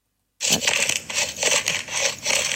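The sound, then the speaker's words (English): Pepper cracking in a grinder: a steady, gritty crunching that pulses in about five bursts as the grinder is twisted, bright and crackly, with no voices. “Cracking pepper.”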